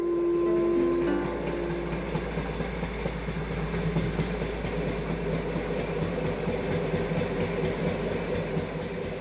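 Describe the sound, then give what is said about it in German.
A train runs steadily along the line in Austria, approaching the St. Veit halt, one of Austria's oldest original stops; its engine a constant low rumble with a rushing, rattling texture. A brief steady tone sounds at the very start, and no one speaks. “Der Zug nähert sich einem anderen Kleinod an der Strecke.”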